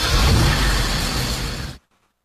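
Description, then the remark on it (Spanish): A car engine roars loudly for under two seconds, a dense, rumbling revving sound with heavy low end, then cuts off abruptly into silence. No one speaks. “Y prende ese carro.”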